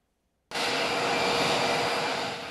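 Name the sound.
aircraft engine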